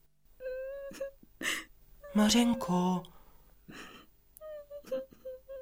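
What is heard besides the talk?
girl crying and whimpering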